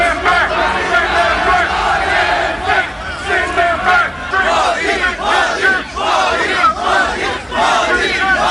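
A large protest crowd at Spark Arena, New Zealand, during Indian Prime Minister Modi's visit chants and shouts anti-immigrant slogans and the Prime Minister's name together in loud, rhythmic bursts, many voices overlapping continuously, energetic with no pause throughout.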